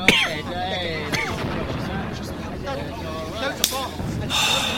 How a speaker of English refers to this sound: I sit and listen to them. Like approaching thunder that will bring a refreshing spring shower. What is it? Bombs? The Allies? It is the Allies. It is the sound of hope.